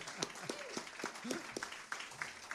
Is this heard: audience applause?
yes